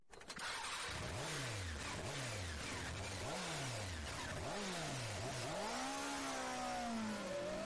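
A motorcycle engine revs hard several times in quick succession, each throttle blip rising and dropping, then a final longer rev that holds. Loud, with no talking.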